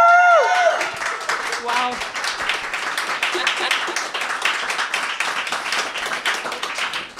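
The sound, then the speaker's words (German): Loud, sustained applause from the audience of a live radio broadcast, dense rapid clapping filling the whole stretch, with a few whoops and cheers rising briefly at the start before the clapping carries on steadily. “Und wir haben uns gefragt, ob wir wohl einen lauteren Applaus hinkriegen als bei der ersten Radiosendung im Meta-Room.”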